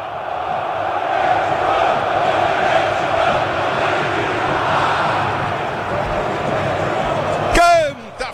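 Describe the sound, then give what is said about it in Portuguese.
A large stadium crowd of Corinthians football supporters sings and chants together in a dense, steady roar at the Arena Corinthians before a match against Rosario Central, ending with a sharp whistle-like burst near the end. “Canta, fiel torcida, sinta o clima.”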